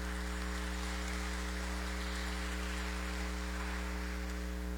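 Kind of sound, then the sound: nature, rain falling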